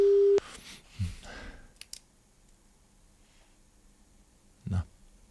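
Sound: telephone ringback tone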